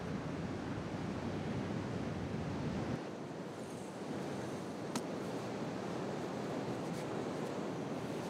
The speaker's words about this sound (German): Heute versuchen sie ihr Glück in der Brandung des Atlantiks.